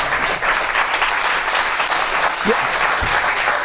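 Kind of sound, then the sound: crowd, studio audience applause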